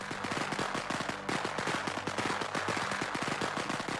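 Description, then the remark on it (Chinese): A string of festive firecrackers set off for a wedding crackles nonstop, rapid sharp pops bursting loud in a dense, uneven rattle that keeps going for several seconds with no voices. “几天后，喜庆的鞭炮声响起”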